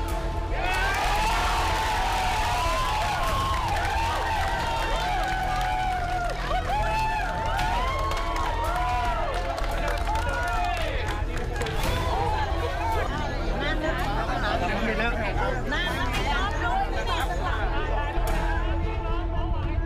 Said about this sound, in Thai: ส่งเสียงโห่ร้องแสดงความดีใจบางคนถึงกับร้องไห้หลังทราบผลการลงคะแนนประชามติว่าเสียงส่วนใหญ่ไม่เห็นด้วยกับการอนุญาตประธานบัตรทำเหมืองหินในพื้นที่ตำบลหัวหวายอำเภอตาครีจังหวัดนครสวรรค์